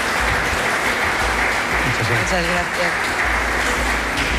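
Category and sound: crowd, audience applause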